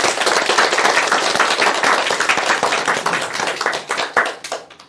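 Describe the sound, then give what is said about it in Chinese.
A group bursts into steady applause for its own progress in poetry recitation practice, many hands clapping densely for several seconds before it thins out and fades near the end. No one speaks. “我们为 祝 自 贺 己 大 的 家 进步鼓鼓掌 啊！”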